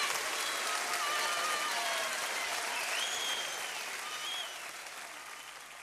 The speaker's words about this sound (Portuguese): Umas palmas para toda a gente.